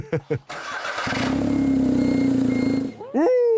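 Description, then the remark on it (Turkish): A car engine cranks with a few short bursts, catches with a sudden roar, and holds a loud, steady low rumble before a rising rev at the end. “Bas şu gaza, bas hadi. Sesi muhteşem çıkıyor.”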